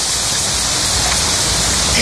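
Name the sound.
rain falling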